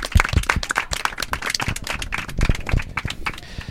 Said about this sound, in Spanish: Bueno, pues yo he llegado a este punto también, antes de despedir el programa y despedir al equipo, me gustaría también un aplauso, autoaplauso, porque os lo merecéis.